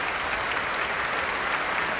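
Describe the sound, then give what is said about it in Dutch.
Sustained, dense applause from a large concert-hall audience giving a standing ovation, with bravo shouts mixed in, after soprano and mezzo-soprano soloists sang with the women of the Groot Omroepkoor and the Radio Filharmonisch Orkest under conductor Stéphane Denève; a steady wash of clapping with no pauses. “Bravo geroep hier vanuit de zaal. En een staande ovatie.”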